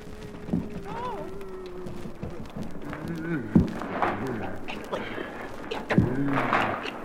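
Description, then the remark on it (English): Someone struggles to open a door with a stuck, peculiar catch: a few heavy thuds and rattling knocks spaced seconds apart, with muffled straining vocal sounds in between. “Perhaps I should have mentioned that the door had a peculiar catch to it.”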